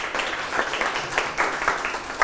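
A group breaks into applause, a dense, steady patter of many hands clapping at once for a couple of seconds, with no voices over it.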